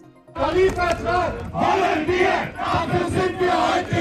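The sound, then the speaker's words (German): A loud crowd of about 60 striking workers of automotive supplier Stanley Feinwerktechnik chants and shouts in rhythmic bursts outside the factory gates in Gießen-Röttgen, voices overlapping continuously, with occasional shrill whistle blasts cutting through the din. “Mit Sprechchören und Trillerpfeifen machen sich die Mitarbeitenden von Stanley Feinwerktechnik vor den Werktoren in Gießen-Röttgen Luft.”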